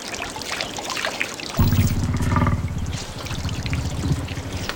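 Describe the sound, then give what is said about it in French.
Water of the Lena River splashes and trickles steadily, with a deeper, heavier sloshing surge starting partway through as a woolly mammoth drinks and stirs the water. No voices. “Ah, ça doit être notre mammouth laineux qui se désaltère. Le fleuve Léna est tout près. Suivons le clapotis de l'eau.”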